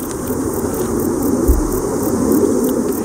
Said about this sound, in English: Ignore the aeroplane in the background. The entomologists among you will instantly recognise the sound of the bog bush cricket, I'm sure.